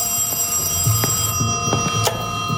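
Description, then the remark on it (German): An old-fashioned telephone bell rings steadily in the evening, a bright metallic trill with sharp clanging strikes repeating throughout, and no voices. “Gegen Abend klingelte erwartungsgemäß das Telefon.”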